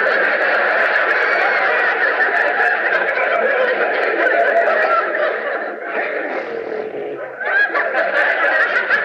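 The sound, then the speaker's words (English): A person imitates a horse whinnying while playing the part of a horse in a scene, a loud, sustained, wavering neigh-like vocalization, with a brief dip and rising squeal near the end, sounding half like laughter. “Me, I'm playing the part of your horse.”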